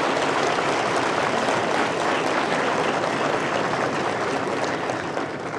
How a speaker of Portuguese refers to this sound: Também peço uma salva de palmas para esses ex-diretores aqui presentes.